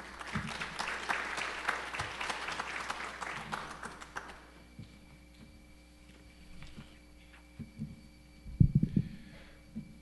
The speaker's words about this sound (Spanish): Así que por favor, Padre, bienvenido. Le ofrecemos un fortísimo aplauso, por favor.